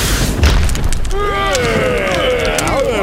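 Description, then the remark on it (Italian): A sudden, loud thunderclap from a lightning strike that instantly hits Click and reduces him to ash bursts out with a deep, rumbling boom, then gives way to wavering, warbling tones that ring on above a lingering low rumble. “Già, il fulmine lo ha folgorato all'istante, riducendo il poveretto in cenere.”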